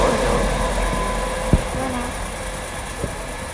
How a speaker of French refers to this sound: C'est un vent de marée qu'on entend là. Non, mais c'est les trains qui passent dans la rue. C'est les trains, c'est ça. Hein, les trains qui tapent sur les micros et les trains qui tapent sur les micros.